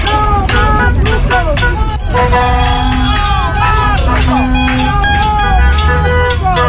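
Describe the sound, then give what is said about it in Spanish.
Car horns honk repeatedly, some long and sustained, from drivers passing a loud street protest at night in Curicó, with a shouting crowd, tires set alight and constant metallic clanging of people banging pots. “Esta protesta incluyó el incendio de neumáticos, o más bien el encendido de neumáticos, y también cacerolazos, los que fueron acompañados por bocinazos de los conductores de vehículos que circulaban por el sector.”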